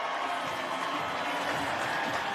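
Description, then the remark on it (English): A loud, steady roar of crowd cheering and applause as Dave Chappelle joins the show, dense and continuous throughout with no pauses, voices blending into a wash of noise. “I can't hear anything right now. They're cheering so crazy.”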